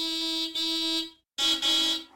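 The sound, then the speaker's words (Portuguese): A loud car horn honks in two long blasts, the first with a brief stutter partway through, followed by a short pause and a second sustained honk. No voices. “E a resposta correta é... alguém a buzinar num carro.”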